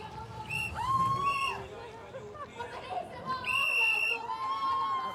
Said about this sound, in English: Right, around the berm. Lots of shrieking and whistling going on here. Over the kicker.